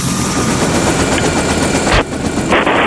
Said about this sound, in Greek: Το ελικόπτερο καλέ. Είναι καιρός για πέταγμα.